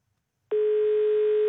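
After a brief silence, a steady, loud electronic call tone starts abruptly and holds unbroken at one pitch, from a listener in Porsgrunn, Norway, calling on his newly bought mobile phone.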